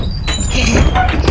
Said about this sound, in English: Let me open the door here.